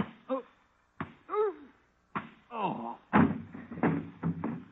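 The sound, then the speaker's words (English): Punches land in a fistfight: several heavy, sharp thuds at uneven intervals, each answered by pained grunts and groans, with the blows coming thicker toward the end. “The management of this joint don't like fist fighting so early in the evening.”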